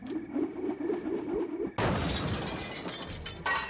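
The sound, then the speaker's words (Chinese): After a low, steady murmur, several window panes of a north room in a courtyard house are suddenly smashed by bricks thrown by young men, a loud crash, shards ringing and scattering for a couple of seconds before a second burst of breaking glass. “几块窗玻璃被砖头砸得粉碎，发出很大的响声，跟着北房的灯就亮了。”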